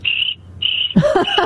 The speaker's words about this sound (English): Sorry, all I hear are crickets.